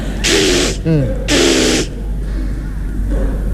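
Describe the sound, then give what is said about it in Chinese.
A voice imitates redialing a telephone in a comic routine: two loud, hissing bursts about half a second each, separated by a quick warbling vocal chirp, then fainter mumbling afterward. “喂喂喂， 又重新拨一回。”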